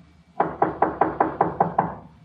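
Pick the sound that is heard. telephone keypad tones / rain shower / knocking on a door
knocking on a door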